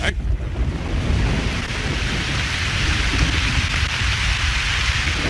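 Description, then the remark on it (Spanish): A tremendous storm: heavy rain pours down in a steady, dense roar with a low rumble of thunder underneath, loud throughout with no voices, as streams of water form outside and lightning flashes over the sea. “La tormenta que se desataba sobre tela fue tremenda.”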